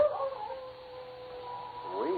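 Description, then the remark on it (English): Lobo, Jed Moore's dog that is mostly wolf, howls from a cabin just off a snowy trail in one long, drawn-out wavering note that holds steady and then rises and bends near the end, fairly quiet, with no other voices. “Jules, is that a dog howling?”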